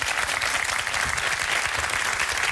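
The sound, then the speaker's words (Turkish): An audience of a Turkish-language program claps steadily and loudly throughout after the host asks for applause, a dense wash of many hands with no pauses and no voices standing out. “Ara verdik ya, alkışı özlemişim yani.”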